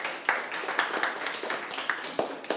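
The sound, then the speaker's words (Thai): Students in a classroom clap together for group 2, the first group to finish correctly: a dense steady patter of many hands with a few sharper claps standing out, moderately loud and continuous throughout, with no one speaking. “วันนี้กลุ่มไหนเสร็จเป็นกลุ่มแรกและถูกต้องได้รางวัลก็คือกลุ่ม2ครับปรบมือให้กลุ่ม2หน่อยครับ”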